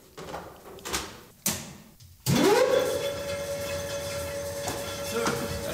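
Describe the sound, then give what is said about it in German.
An old weaving loom, of a type built at Webstuhlbau Karl-Marx-Stadt until 1962, starts up in a wooden building after a few quiet clunks, its motor whining up to a steady hum beneath a loud, continuous mechanical clatter that carries on to the end. “Wenn hier 76 Stühle gelaufen sind, wie es normal war, da hat das ja ganz schön gerattert.”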